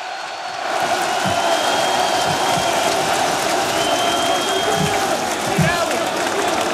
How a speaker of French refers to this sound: Beaucoup plus sobre, Warren Zaïre-Emery, dans son style, quelques applaudissements, mais lui aussi a été chaleureusement acclamé par la foule parisienne sous le Champ de Mars.